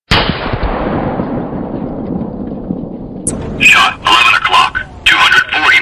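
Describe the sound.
A single loud gunshot cracks out and rolls away in a long, echoing decay, and then the voice message of a Boomerang shot-detection system briefly states the shot's direction and distance: 11 o'clock, 240 metres.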